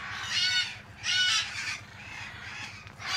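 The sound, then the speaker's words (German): Harsh, raucous screeches from red-fronted macaws in a large aviary at Loro Parque come in overlapping bursts, with several loud squawks and a steady chatter of other bird calls in the background. “soll aus einer Großvoliere zwei Rotohr-Aras holen”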